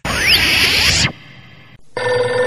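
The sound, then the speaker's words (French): A telephone rings with loud electronic tones: a bright sweeping burst, then a steadier buzzing tone, a brief gap, and the ring starting again. No voices. “Ah putain, le téléphone qui sonne, à un moment donné j'appelle.”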